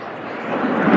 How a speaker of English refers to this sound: this is hard to hear over the sound of the airplanes, but the PA announcement is saying that there's some sort of a delay here.